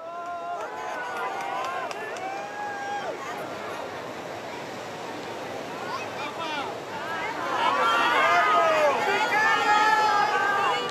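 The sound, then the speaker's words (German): A large crowd of pilgrims fills St. Peter's Square in Rome during the general audience, with a steady roar of overlapping voices and scattered shouts and cheers, as Pope Leo XIV rides past in the open popemobile greeting and blessing them. The crowd swells louder and more excited during the last few seconds. “Papst Leo fährt im Papamobil im offenen Auto über den Petersplatz in Rom. So hat er Gelegenheit, die Gläubigen zu grüßen.”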